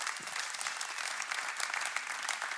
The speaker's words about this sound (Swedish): Så ge henne en applåd. Välkommen in på scenen.